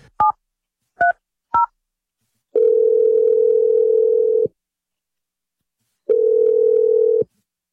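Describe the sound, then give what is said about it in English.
Three quick keypad beeps from a telephone being dialed to place a call, followed by two long, steady dial tones separated by a pause, clear with no voices. “Phone call. Hopefully ended on a good note. Here we go.”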